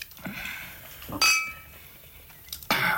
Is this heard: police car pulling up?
no